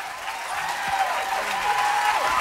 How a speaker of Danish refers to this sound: er fortjent bifald.